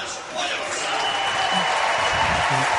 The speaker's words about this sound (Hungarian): Liz Balázs mutatták be, ő volt az utolsó sorban, neki is szólt a taps, ezért vártunk ki egy picit.